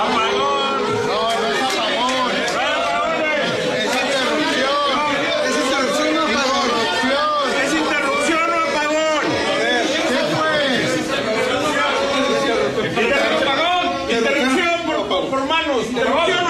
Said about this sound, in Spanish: Se quedó sin micrófono y sin nada porque ¡pum! Se fue la luz. Y lo que escucha ya usted después es la voz de todos los que estaban grabando,